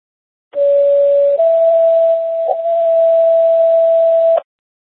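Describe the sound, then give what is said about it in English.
Non-emergency alert tones over a dispatch radio during a tone check for a medic unit: a loud steady tone that steps up to a slightly higher pitch and holds for several seconds over faint radio hiss, with no talking. “Medic 4, how do you copy non-emergency tones?”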